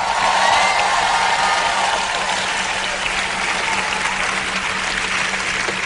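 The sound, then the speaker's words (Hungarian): An audience applauds steadily, a dense, even wash of many hands clapping that holds at full strength for several seconds, with faint cheering mixed in and no speech over it. “Most aztán valaki tapsolja meg az urat.”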